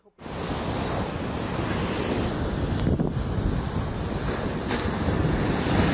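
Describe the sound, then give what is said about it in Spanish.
Heavy ocean surf roars continuously at Boca del Río, a dense wall of crashing waves from an unusually strong swell, with gusty wind buffeting the microphone, loud throughout with no voices. “Vecinos de la comunidad de Boca del Río indicaron que esto es histórico, ya que no había pasado un fenómeno similar que generara un oleaje tan fuerte que derribara todo a su paso.”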